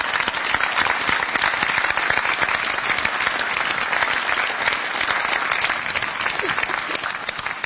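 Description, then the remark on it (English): A crowd overlooking Omaha Beach applauds veterans steadily, dense overlapping claps forming a continuous loud wash that holds at an even level for several seconds with no voices. “Another round of applause for our veterans.”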